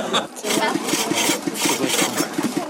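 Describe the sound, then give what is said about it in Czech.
A hand saw rasps through a piece of wood on a sawhorse as an 11-year-old boy tries to cut it, in quick, steady back-and-forth strokes, about eight or nine of them, harsh and fairly loud, keeping an even rhythm throughout. “si tady zkoušel uříznout pilou na koze kus dřeva.”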